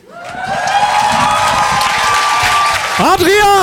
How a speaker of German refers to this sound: dein Applaus!